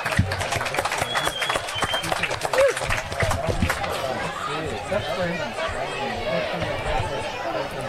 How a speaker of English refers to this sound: Big round of applause there. …, you might come on.